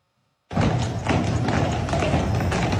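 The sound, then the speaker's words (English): Heavy hooves of the Budweiser Clydesdale horses clip-clop in a steady, plodding rhythm amid dense outdoor street noise as they parade through Savannah, Georgia, for the brand's 150th anniversary, starting abruptly after a brief silence and staying loud throughout. “Celebrating its 150th anniversary by parading its famous Clydesdales through Savannah.”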